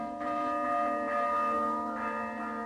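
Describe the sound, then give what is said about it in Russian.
A church bell rings out in an alarm peal, a few fresh strikes layered over a continuous, humming resonance that never fades. Fairly loud and steady throughout, with no voices. “Потом услышала колокольный набат. То ли война, то ли пожар.”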